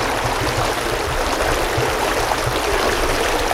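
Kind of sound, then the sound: nature, small river stream flowing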